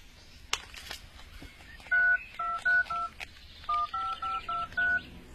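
A rapid series of about ten telephone keypad tones as someone dials a phone number to call and arrange a meeting, each a short, clear dual-pitched beep in an uneven rhythm, with faint background noise and no talking.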